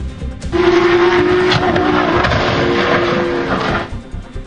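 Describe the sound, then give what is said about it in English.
A Porsche race car engine roars at full speed as it approaches a turn at a racetrack in California, loud, holding a steady high-pitched whine for several seconds before abruptly dropping away. No voices are heard. “The driver reportedly lost control of the brakes as he approached a turn at full speed.”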